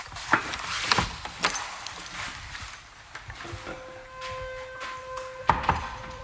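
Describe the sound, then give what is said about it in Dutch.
A few knocks and clunks, then a long, thin creak that stretches for a couple of seconds before a final thud, like a door swinging open. No one speaks. “Hé, hey, er is een deur.”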